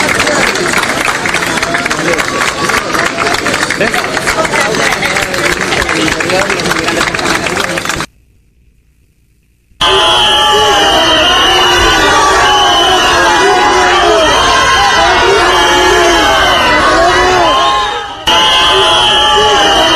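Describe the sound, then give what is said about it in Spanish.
A large crowd applauds and cheers loudly for Marlaska, then after a brief silent cut a noisy crowd of Spaniards returns with shrill, sustained whistling at him and overlapping shouts, dense throughout. “Insisto, Marlaska, aplaudido por los invasores y silbado por los españoles.”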